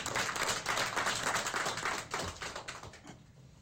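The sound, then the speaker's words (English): A crowd claps steadily for a few seconds for General Mashilu, a police general standing to be introduced at a police leadership event in Limpopo province, a dense wash of overlapping hand claps that thins out and fades toward the end, with no talking. “Maybe you can just stand so that everybody can see him and clap for him, please.”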